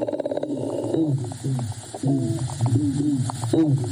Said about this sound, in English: That's a black drumfish flexing its muscle.